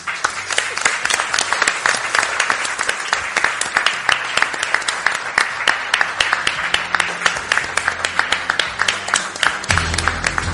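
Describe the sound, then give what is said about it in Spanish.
An audience applauds the people present at 1:24, steadily for about ten seconds, a dense wash of many hands clapping at a fairly loud, even level with no one speaking over it. “y los que están aquí, que a las 1:24 creo que se merecen un aplauso.”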